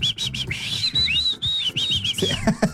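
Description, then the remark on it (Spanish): Someone whistles through their lips, a high, wavering run of quick rising and falling notes for a couple of seconds, with low background rumble and some clattering toward the end. “¿Se sabe chiflar?”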